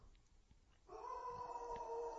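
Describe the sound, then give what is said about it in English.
A household dog lets out a long, steady howl that begins partway through and holds a sustained, tonal pitch to the end, fairly faint, with no one talking. “That was a howl.”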